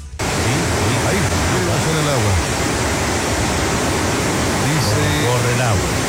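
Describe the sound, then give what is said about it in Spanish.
A loud, steady roar of the rushing Melado River, heard from a played video, fills the whole clip, with voices briefly talking over the constant torrent in two short bursts. “Oye, pero trae más agua que no sé qué cosa.”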